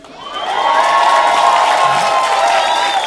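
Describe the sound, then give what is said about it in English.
A crowd breaks into sustained clapping and cheering about Barack Obama, with whoops and high voices rising over dense applause that swells quickly and holds loud throughout. “See, every black person in here should be clapping,”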